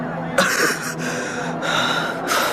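Heavy, ragged panting up close: four or so loud breaths in and out in a steady, labored rhythm, with no talking.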